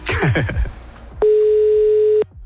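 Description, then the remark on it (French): A single steady, loud ringback tone sounds for about a second after a brief burst of voice-like sound, the ring heard on an outgoing phone call to someone in Nantes, France. “Trois sonneries.”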